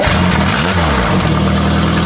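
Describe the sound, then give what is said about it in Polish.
A small motorbike engine is started and runs loud, its pitch swelling up and dropping back in a single quick rev before settling into a steady, rattling idle. “Motorek!”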